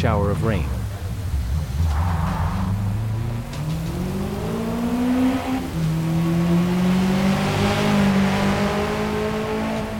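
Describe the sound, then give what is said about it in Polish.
A loud racing car engine, fitted with wet tyres, revs aggressively, its pitch climbing and dropping through gear changes with a harsh, throaty roar that fills the whole recording. “Na dźwięk silnika, który stał się zdecydowanie bardziej agresywny niż wcześniej.”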